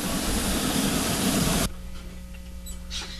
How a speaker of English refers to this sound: Here, we're hopping onto a train. There it is. It's in the station. It's sounds a little haggard.